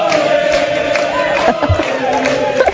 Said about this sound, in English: We start with Quebec Liberals cheering like they just won the World Cup.